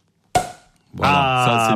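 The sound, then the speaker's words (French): A champagne cork pops once with a sharp, loud crack that quickly fades, and a moment later a voice starts speaking. “On débouche le... Champagne.”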